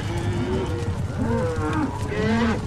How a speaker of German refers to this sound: Und eine ganze Herde Longhorns.